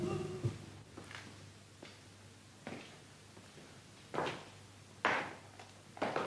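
A revolving door turns with a series of soft whooshing thumps, irregularly spaced and growing slightly stronger toward the end, with no one talking.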